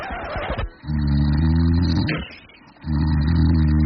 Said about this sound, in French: Oui, votre conjoint dort. Et oui, votre conjoint ronfle.